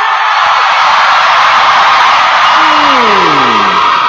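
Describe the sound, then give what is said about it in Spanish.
An audience section on the performer's right side shouts and cheers in a loud, sustained roar that fills the whole stretch, with a few voices rising and falling above the din. “ese es el lado que más grita.”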